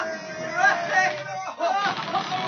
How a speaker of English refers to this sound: They're cheering. I wonder what's happened.